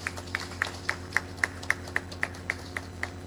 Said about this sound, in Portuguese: A todas as nossas pastorais e movimentos, sejam todos muito bem-vindos. Acolhemos a todos com uma salva de palmas.